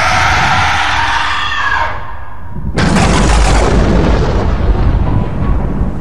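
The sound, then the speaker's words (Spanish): A girl's piercing, distorted scream rings out loud, then cuts abruptly into a harsh, roaring blast of noise that sustains to the end. “Un grito tan fuerte que hizo sangrar los oídos de todos.”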